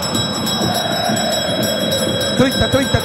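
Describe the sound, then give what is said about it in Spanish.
A bell rung by a sacristan rings steadily with bright, sustained metallic tones over a rumbling, busy background, with a few heavier knocks near the end. “pero antes, tócame la campana, sacristán.”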